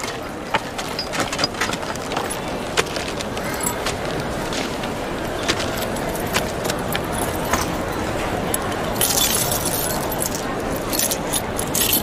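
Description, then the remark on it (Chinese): A big bunch of house keys, a woman's whole set taken along for a trip, jangles and rattles as her bag is inspected at customs: continuous bright metallic clinks for several seconds, growing busier toward the end, with faint background noise underneath. “我这不要出远门嘛，我家里的钥匙我就全部带上。”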